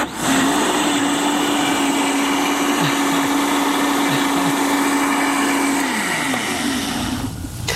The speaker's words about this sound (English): And then we'll just blend this enough to mix it. Okay. Okay, not very long. Right. Put it all the way down. Yeah. Nice and firm, yes. Low.